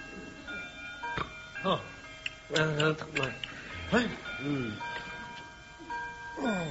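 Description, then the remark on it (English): A clock ticks steadily while striking twelve with ringing chime-like tones, with voices murmuring in between, moderately quiet. “Oh, 12 o'clock. It's Monday at last.”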